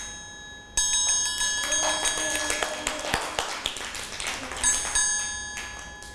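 A triangle is struck slowly by a teacher as a rhythm signal for children, its bright, shimmering metallic ring sounding fairly loud, then struck again a few seconds later, the tone lingering between strikes with faint light taps.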